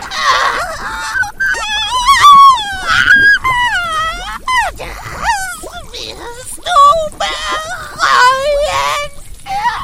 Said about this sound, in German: Erschrocken drehte sie sich jedoch um, als ein Schrei aus dem Inneren des Hauses ertönte.